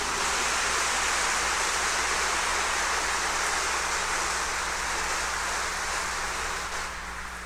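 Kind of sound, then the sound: crowd, applause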